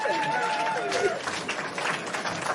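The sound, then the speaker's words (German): Scattered outdoor applause from a small crowd at a live Radio 1 broadcast in the Park am Gleisdreieck, a steady patter of clapping over a murmur of voices and open-air ambience, with a brief whistle-like tone early on. “Ja, ein bisschen Applaus.”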